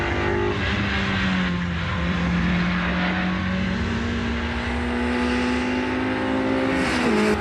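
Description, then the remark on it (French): A race car engine drones steadily at high revs on a circuit during the first lap, its pitch gliding down and back up through gear changes, loud and continuous with no talking. “Mais, circuit, on est dans le gravier au premier tour.”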